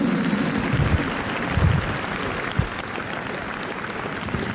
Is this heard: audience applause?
yes